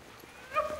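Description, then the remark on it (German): A short, high yelping call from sled dogs on a dog sled tour rises briefly above a quiet outdoor background in a forest in Estonia's wilderness. No one speaks. “Ungewöhnliche Rufe schallen durch den Wald. Seit einigen Jahren sind Hundeschlittentouren der Renner in Estlands Wildnis.”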